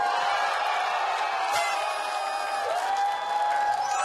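An audience claps and cheers steadily for about four seconds to welcome a singing instructor making her debut, a dense, even wash of applause with excited shouts and whoops rising above it.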